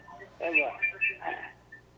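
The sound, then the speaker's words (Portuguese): A television plays in the background over a phone line, its muffled, tinny voices and sound coming through continuously at moderate volume above a low steady hum. “Tem alguma coisa aí fazendo um barulho, você pode baixar a TV, por favor?”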